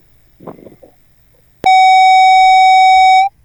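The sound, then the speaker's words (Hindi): After a brief muffled rustle, a loud, steady electronic phone tone sounds from the line for about a second and a half, like the busy tone heard when a listener's call to the programme drops, then stops abruptly. “शायद phone disconnect हो गया है।”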